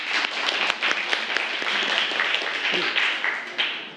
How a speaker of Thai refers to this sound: ขอเชิญครับขอเสียงปรบมือให้เพื่อนหน่อย